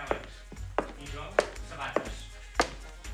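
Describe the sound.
Five or six sharp, hard footsteps, made in special shoes in sync with another person walking, fall at a steady walking pace, each a crisp knock, with a low murmur of voices underneath.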